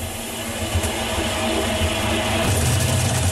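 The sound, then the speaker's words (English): A new clothes dryer rumbles steadily with a broad mechanical whir and low droning hum, growing slightly heavier and louder in its low rumble toward the end. No one speaks. “The dryer just making a move?”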